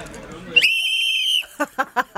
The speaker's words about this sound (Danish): Det kan være, I lige kan fløjte festen i gang.